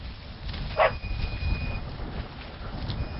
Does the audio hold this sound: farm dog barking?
yes